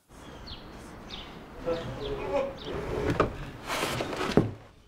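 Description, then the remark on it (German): An old, loose wooden door of a former wool spinning mill in Bad Segeberg, being restored as a museum, creaks and rattles as it is shifted back and forth, with a few dull knocks and scrapes, fairly quiet. “Der Zahn der Zeit hat an dieser Tür genagt. Hier, das ist Lose.”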